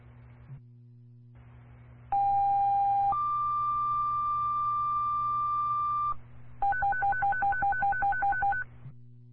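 Loud Roxbury Fire Department paging tones over a hissing dispatch radio channel, calling the department to an EMS lift assist: a short steady tone steps up to a long higher one, then a quick run of beeping pulsed tones.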